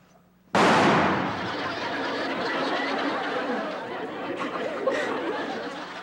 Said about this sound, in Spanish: ¿ya viste cómo truena de fuerte mi rifle?